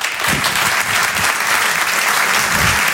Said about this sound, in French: Je vous demande de l'encourager et de l'applaudir très fort, s'il vous plaît.